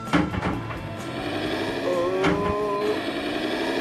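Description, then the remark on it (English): A Lamborghini tractor's engine revs loudly while cultivating a field, its droning pitch climbing steadily over a few seconds, with a brief clattering knock partway through, as the tractor misbehaves with its front wheels lifting off the ground; no one speaks. “Until, several runs later, the tractor started misbehaving again.”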